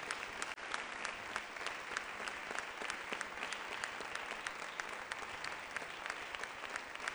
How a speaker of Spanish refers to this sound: Démosle un fuerte aplauso al Rey.